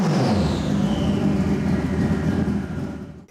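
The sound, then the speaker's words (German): A race car fitted with a turbocharged motorcycle engine giving about 400 hp, the car weighing 400 kg, roars loudly, a high whine sliding downward over a dense rumble, before cutting away abruptly at the end. No voices. “Statt eines Automotors hat José Manuel einen Motorradmotor verbaut, wegen des geringeren Gewichts.”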